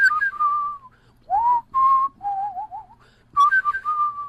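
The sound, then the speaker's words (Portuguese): A person whistles a lilting melody in several phrases, clear pure tones sliding and wavering around a mid-high pitch, with short pauses between phrases and no talking. “Então tem, o assovio tem mil possibilidades.”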